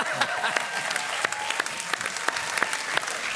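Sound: audience applauding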